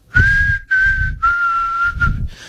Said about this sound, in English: It's a pretty good whistle, by the way. I can't remember the name of the song. That's a pretty good whistle, by the way. It's a popular song, though.